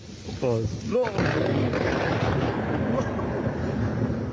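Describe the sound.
Thunder from a lightning storm in Herat province, Afghanistan, breaks into a loud, sustained low rumble that rolls on steadily for several seconds, with a brief human voice crying out just as it begins.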